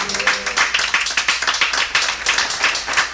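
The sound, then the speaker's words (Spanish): A church audience claps hands for the Lord during a sermon, a dense, steady burst of many overlapping claps with a quick rhythmic pulse, loud, with no talking. “Dele palmas al Señor si usted lo cree con todo su corazón.”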